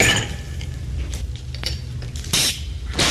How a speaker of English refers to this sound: But anyway, I'm pouring the wine.